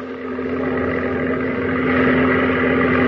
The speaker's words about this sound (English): Hey, look. There's a plane. Zero. Look at that silhouette. She's a zero. And all alone.